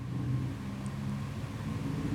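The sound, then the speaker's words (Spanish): A young man's motorcycle engine rumbles steadily outside, a low droning hum with slight surges as it revs, fairly quiet and with no voices. “¿Sentí cómo está este loquito con la moto? Sí, está medio pesado.”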